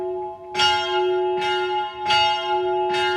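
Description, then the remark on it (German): Bells of the old monastery in the main town of Uri peal steadily at a quarter past nine in the morning, rung by hand with a rope: four strong clangs at a slightly uneven swinging pace, each leaving a long humming resonance that carries into the next. No voices are heard. “Wie immer um diese Zeit läuten die Glocken vom alten Kloster, aber nicht automatisch.”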